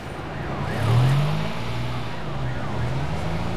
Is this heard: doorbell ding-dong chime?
no